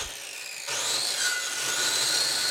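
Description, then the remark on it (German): Wooden tree trunks are being sawn by hand: after a brief quieter moment, a loud, steady rasping cut starts abruptly and runs on continuously, with no voices. “sägt Baumstämme zurecht.”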